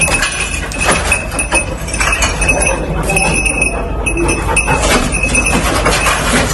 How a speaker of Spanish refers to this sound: Esto que escuchas es un perro rescatista rebuscando supervivientes entre los escombros, en La Guaira, en Venezuela.